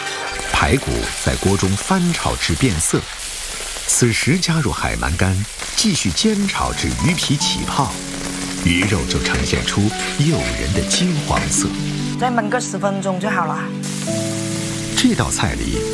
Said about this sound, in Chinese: 排骨在锅中翻炒至变色，此时加入海鳗干，继续煎炒至鱼皮起泡，鱼肉就呈现出诱人的金黄色。再焖个10分钟就好了。